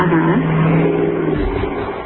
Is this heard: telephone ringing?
no